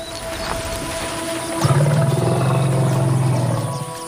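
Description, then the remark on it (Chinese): A female desert elephant, an African savanna elephant living in the desert, gives a deep, steady rumbling call that begins partway through and holds loud and low for about two seconds, over a constant faint background hiss. “这头雌性大象非同寻常，它是一头生活在沙漠里的非洲草原象。”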